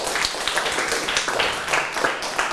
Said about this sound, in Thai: ปรบมือตัวเองดังๆได้เลย